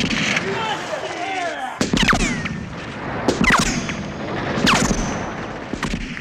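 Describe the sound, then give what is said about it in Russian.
Loud bursts of gunfire crack repeatedly over a rumbling battle din, with heavy grenade blasts punctuating the chaos at irregular intervals, as defenders of a fortified house fire on attacking fascist troops carrying submachine guns; shouting voices are faintly mixed in. “Ну вот, по гадам, огонь! Гранаты! Гранаты, давай!”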